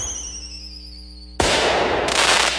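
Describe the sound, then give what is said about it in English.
A fireworks finale at an Independence Day (4th of July) celebration in Abingdon, Virginia: a high, falling whistle climbs into the air, then a loud explosion bursts open into a sustained wash of crackling booms, intense, with no voices. “the sky lights up with a spectacular fireworks finale.”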